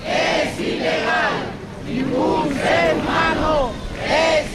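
Hundreds of people from anti-racist groups chant in unison at the Puerta del Sol in Madrid, Spain, loud rhythmic shouted phrases rising and falling in repeated bursts over a constant murmur of voices.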